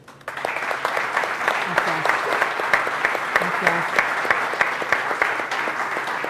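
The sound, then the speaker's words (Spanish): An audience claps steadily for several seconds to welcome the mayor of Huesca, Lorena Arduna, to a talk on gastronomy, a dense, even patter of many hands at constant loudness, with a few faint voices murmuring underneath. “Un aplauso.”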